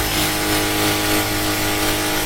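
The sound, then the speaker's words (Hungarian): A power drill runs steadily for about two seconds, a loud, continuous motor whine with a constant buzzing pitch and a dense, gritty hiss layered over it, with no talking. “Ez egy fúrógép.”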